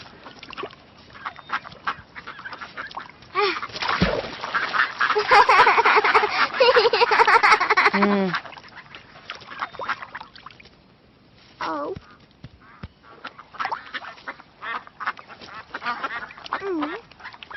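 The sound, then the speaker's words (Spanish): A flock of ducks at a park, being fed, quacking loudly and rapidly, the chorus peaking in a dense burst for several seconds before scattered quacks and calls continue at a sparser pace. “Cuando íbamos para el zoológico, los abuelos se detuvieron en el parque para que Lola y yo alimentáramos a los patos.”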